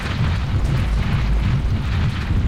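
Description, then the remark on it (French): A loud, sustained rumbling roar with heavy low-end churning and crashing as a mudslide pours down and blocks the entrance of a cave, continuous throughout with no voices. “Zut, une coulée de boue vient d'obstruer l'entrée de la grotte.”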